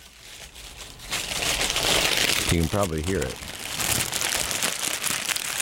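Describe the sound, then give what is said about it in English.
Continuous crinkling and rustling of brown wax paper wrapping around a snack as it is opened, loud and steady for several seconds, with a man briefly speaking partway through. “That's the brown paper wrapping.”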